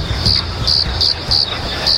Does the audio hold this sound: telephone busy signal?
no